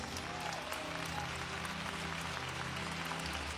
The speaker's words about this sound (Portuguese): Toda a igreja diga amém. Pode louvar ao Senhor com palmas.